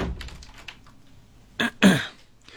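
door being closed

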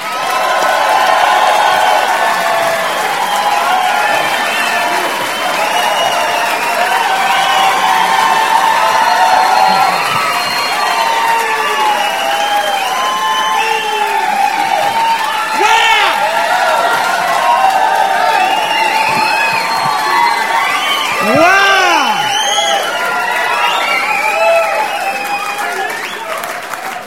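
audience cheering and applauding

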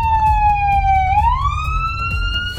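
ambulance siren

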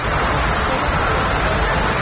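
heavy rain falling

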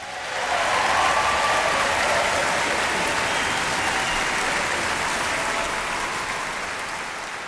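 audience applause

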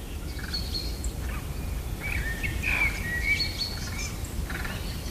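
birds singing

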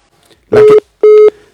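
telephone line tones

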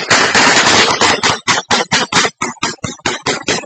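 gunfire exchange

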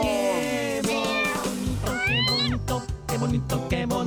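cat meowing

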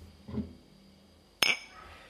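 glasses clinking

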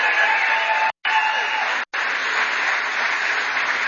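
audience applause

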